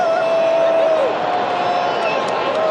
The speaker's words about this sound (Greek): Οι φωνές που ακούτε είναι από ορισμένους Βέλγους που ανεμίζουν τη φανέλα τους, αν και νομίζω ότι περισσότερο φαίνεται να ζεσταίνονται.